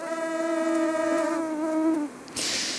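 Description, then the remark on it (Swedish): A swarm of mosquitoes buzzes in a steady, high-pitched whine for about two seconds. It then cuts off, and a short burst of hissing noise follows. “Ja, borde kanske varnat för när du får det där ljudet i dina öron.”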